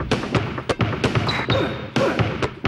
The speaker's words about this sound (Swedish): Och det vi hör nu är en klassisk skoreklam. Gjort på slirande gummisulor och basketbollar som gör beatet.